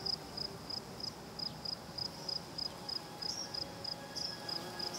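Steady, evenly spaced high-pitched chirps from crickets and grasshoppers in southern Portugal repeat about twice per second over a soft outdoor hum, a constant insect chorus with no voices.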